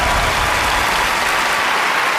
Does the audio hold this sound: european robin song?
no